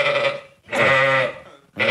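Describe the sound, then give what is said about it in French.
A sheep bleats loudly in three wavering, nasal calls separated by brief pauses, the middle one longest, with no talking. “Tenez, ça c'était mon mouton avant.”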